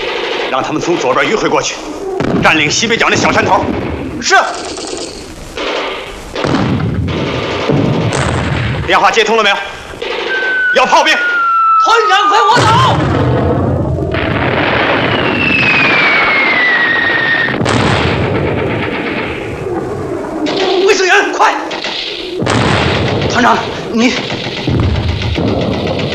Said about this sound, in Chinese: 怎么样？敌人火力太猛，上不去。